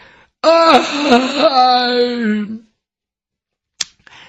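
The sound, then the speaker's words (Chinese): A storyteller's male voice imitates a long, drawn-out yawn as the eunuch Yang Zhong gets up off the ground and stretches, rising and then sliding down in pitch over about two seconds, followed by a brief sharp click and a faint breathy sound. “一会儿的功夫，这杨忠眼睛睁开了，由打地下爬起来，伸了个懒腰，打了个哈欠。”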